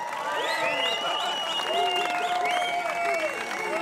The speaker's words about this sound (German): Applaus bitte